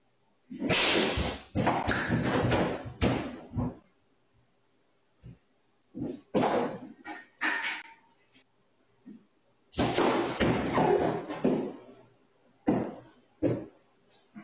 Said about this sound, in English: the Yaws checked their security cameras and discovered that a deer had run into the glass